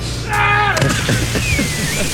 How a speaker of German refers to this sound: War schon echt gut, ist echt hoch abgesprungen. Also kann sein, der Schrei war lauter als die Arschbombe, aber sonst war gut.